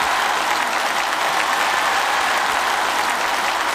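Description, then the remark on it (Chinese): Steady, dense audience applause on the TV show 环球竞技秀 (Global Competition Show) fills the whole stretch at an even, loud level. It is a continuous crackle of many hands clapping with no voices rising above it. “听过掌声能感觉到，是不是觉得我还是很帅的？”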